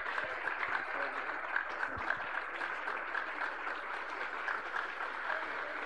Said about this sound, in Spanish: Levante sus manos para Dios y recibimos al siervo de Dios con fuertes aplausos para Cristo Jesús.